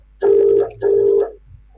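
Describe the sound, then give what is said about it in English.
A telephone rings twice in quick succession as an outgoing call is placed, each ring a steady, buzzy mid-pitched tone lasting about half a second, loud and clear with no voices. “tell him to pick up his phone”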